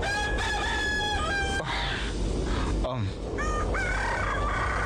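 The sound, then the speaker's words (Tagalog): A rooster crows loudly at dawn in long harmonic calls, with a second crow answering near the end over a steady wash of background noise. “Babatian ko na ang pagpanukturook sa mga manok.”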